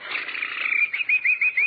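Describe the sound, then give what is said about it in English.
A person whistles a bird imitation, starting with a steady warbling trill that breaks into four quick, evenly spaced rising chirps. The sound is clear, with no talking. “I did bird imitations.”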